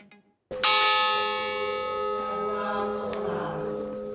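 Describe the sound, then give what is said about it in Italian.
The memorial bell of the Bois du Cazier coal mine in Marcinelle, Belgium, tolls once as names of mining disaster victims are read, a sharp metallic strike whose rich harmonic overtones ring and slowly decay over several seconds. No voices. “I loro nomi vengono letti uno alla volta, scanditi dal rintocco della campana del Bois du Cazier, la miniera di carbone di Marcinelle.”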